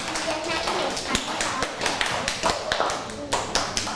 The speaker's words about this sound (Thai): ขอบคุณมากค่ะปรบมือเพื่อนหน่อยค่ะ